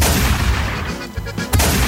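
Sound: cannon shots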